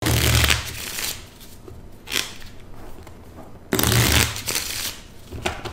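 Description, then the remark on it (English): A deck of playing cards being shuffled: two full riffling bursts with a softer flutter of cards between them, crisp and papery, with no voices. “I guess I should take advantage of this opportunity to say hello to my parents and to thank my dad for teaching me how to shuffle a deck of cards.”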